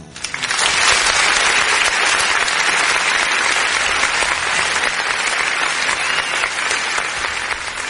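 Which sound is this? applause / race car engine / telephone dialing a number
applause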